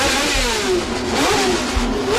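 Loud, continuous roar of Formula 1 car engines at the Jarama circuit, the pitch sweeping up and down as they rev, dense with no voices over it.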